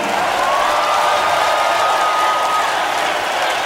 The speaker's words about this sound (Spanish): Fuerte el aplauso